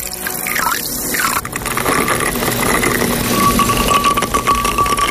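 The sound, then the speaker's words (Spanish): A rum and lime drink is poured into a glass in a kitchen in Megalochori, with a rising gurgling pitch as it fills, followed by a steady wash of fizzing and splashing. No one speaks. “Hoy las bugambillas y el olor a lavanda seca le dan un toque diferente a la puesta de sol, mientras el ron con lima se prepara en la cocina.”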